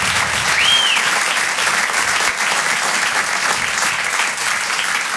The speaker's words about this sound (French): Bon, avant de démarrer, est-ce qu'on peut applaudir tous les artistes qui sont passés avant moi ? On peut les applaudir comme il se doit.